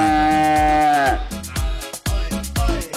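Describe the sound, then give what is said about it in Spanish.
A cow lets out one long, loud moo whose pitch sags at the end, followed by a series of rhythmic thumping, rustling noises. “Y la busca uno, llega a las 9 de la mañana, uno puede encontrar a esa vaca.”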